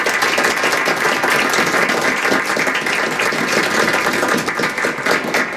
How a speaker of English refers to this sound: Let's head off to the Appleseed studio along with our terrific studio audience. Away we go. Back to the microphone, ladies and gentlemen, with a round of applause, Mr. Antonio Sacre.